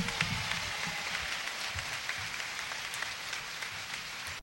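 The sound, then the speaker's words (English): A crowd applauds a band with steady, dense clapping that holds at an even loudness for about four seconds, a thick hiss of many hands with no voices standing out. “Let's give the band a big round of applause, ladies and gentlemen.”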